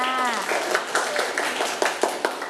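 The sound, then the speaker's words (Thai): A small group of children claps together in a classroom in a quick, fairly steady rhythm, the claps moderately loud, with a brief voice at the very start. “เด็กๆปรบมือให้กับเพื่อนๆที่กล้าหาญด้วยค่ะ”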